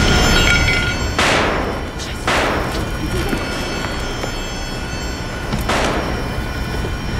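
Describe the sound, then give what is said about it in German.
Three loud gunshots ring out with echoing decay, two close together and a third after a pause, over a noisy background. “Es sind Schüsse gefallen.”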